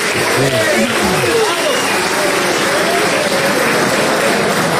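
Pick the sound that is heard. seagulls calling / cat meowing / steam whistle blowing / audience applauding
audience applauding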